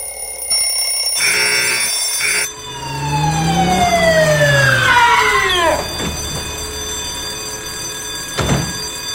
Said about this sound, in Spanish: ¿Vos pusiste un despertador dentro de una caja de seguridad? Sí. Es muy viejo.